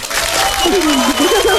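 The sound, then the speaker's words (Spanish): A burst of canned applause played to motivate a player during a word game, with many hands clapping in a dense, steady wash at full volume, and a wavering vocal tone, like a cheer or someone talking, rising over it partway through. “Te voy a dar unos aplausos para que te motives.”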